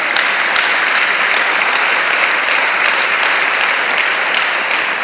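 audience clapping hands

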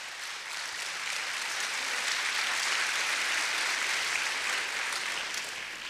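audience applauding

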